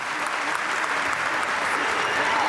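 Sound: strong applause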